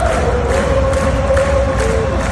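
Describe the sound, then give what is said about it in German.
A large arena crowd sings together in unison during an ice hockey match, a sustained chant hanging over dense, echoing arena noise, loud and continuous throughout. “Mehr als einmal hatte ich Hühnerhaut gehabt, wenn die ganze Arena zusammen singt während einem Match.”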